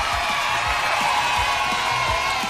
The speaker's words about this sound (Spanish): De verdad, eso se merece un aplauso grandotote.